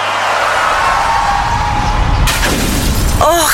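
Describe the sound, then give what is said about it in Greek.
A car revs and screeches, then a loud crash bursts out with crunching metal and shattering glass, followed by scattered rattling debris. No one speaks. “Γυναίκα, τι έπαθε το αμάξι? Δεν έφταιγα εγώ.”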